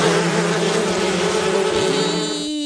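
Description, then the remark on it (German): A wasp buzzes steadily for the whole stretch, its droning hum wavering slightly in pitch as it moves, with no voices present. “So vertreibt ihr Wespen!”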